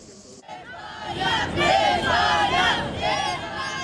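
A huge crowd of close to 2 million supporters cheers and chants in unison in Madrid, Spain, at an open-top bus victory parade for the world champion team; the roar swells after a quieter opening moment and stays loud and dense throughout, many voices blending into a sustained, rhythmic surge.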